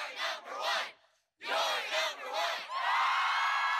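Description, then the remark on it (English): A crowd roars and cheers in loud, surging bursts, a brief lull, then the shouting swells again into a sustained, dense wall of whoops and yells. “This cheers for you.”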